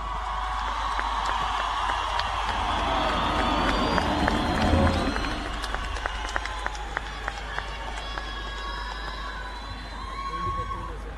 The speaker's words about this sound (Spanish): Fuerte ese aplauso, ustedes ya lo habrán visto ya mucho, sé que estuvo de fogón, pero hagamos de cuenta que es la primera vez que sube a este escenario. A ver cómo lo aplaudirían si entra por ese lugar